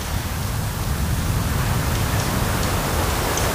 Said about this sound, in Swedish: Så hör man ju det här lite försiktiga ljudet av havet som spelar in emot stenarna.